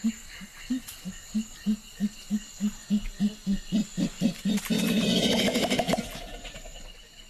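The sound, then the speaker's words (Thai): A gorilla beats its chest in the forest understory as a territorial display: a quick run of hollow, resonant pok-pok thumps that speed up, then a loud burst of crashing, rustling noise before fading out. Prominent, no talking. “ียงทุบหน้าอกของกอริลลาจะดังไปได้ไกลเกินกว่า1ไมล์ผ่านพื้นที่ป่าชั้นล่างแห่งนี”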